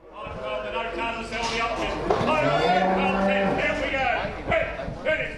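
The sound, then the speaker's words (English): Cattle low and moo from pens at the busy Shepparton sale yards during a charity fundraiser sale of donated sheep and cattle, one long, drawn-out moo standing out midway, with a general din of animals and indistinct voices around it. “At the Shepparton sale yards, there are pens of sheep and cattle that are probably going to be sold above their market value.”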